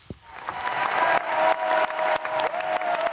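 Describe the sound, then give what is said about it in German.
An opera audience applauds and cheers at the Bregenz Festival premiere of Janáček's opera The Excursions of Mr. Brouček: dense, steady clapping from a large crowd swells and stays loud, with a sustained high cheer or whistle running through it. No one speaks. “Publikum glücklich und jubelnd, Künstler strahlend.”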